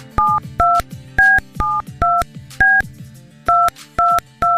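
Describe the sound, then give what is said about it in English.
A phone number is punched in on a touch-tone keypad: about nine crisp dual-tone beeps in quick, slightly uneven succession, loud, with a faint low hum underneath. “I'm about to call somebody and give them the awesome news that they are going to Jamaica.”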